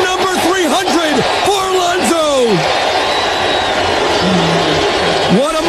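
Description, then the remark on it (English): A baseball stadium crowd at Citi Field cheers Pete Alonso after he ties the game in the ninth inning, a loud, sustained roar, with overlapping yells and rising whoops from many voices throughout and no clear words. “Everyone is cheering Pete Alonso, even though he's tied this game up in the ninth.”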